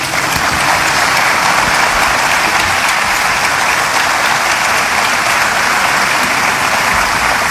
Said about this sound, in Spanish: Quiero pedirles un aplauso para don Vicente Fox, que viene llegando.